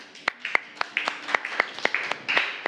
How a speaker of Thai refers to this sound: ปรบมือให้เพื่อนกลุ่ม2ค่ะ